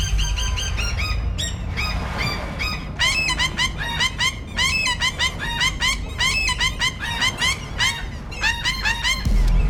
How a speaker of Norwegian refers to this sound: Ja, om du ikke hørte det, så var det altså lyden av en måse som vi har tvinget til å prøve å synge på en poplåt.